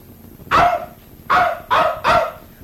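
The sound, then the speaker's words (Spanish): A dog barks four times, one bark followed after a pause by three quicker ones in a row, each sharp and loud against a quiet background. “No te afligas, perrito, que te vamos a llevar sano y salvo donde tu patrón, ¿oyeste?”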